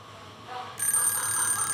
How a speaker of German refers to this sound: Mein Wecker hat um 5 Uhr geklingelt. Nicht meine Zeit.